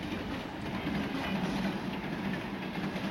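A train rolls along the rails with a steady, continuous rumble and faint rhythmic clatter, heard from on board the train, with no voices and no pauses.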